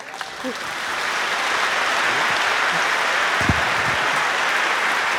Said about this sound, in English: So thank you to all the composers that have joined this program and the magnificent orchestra. One more applause.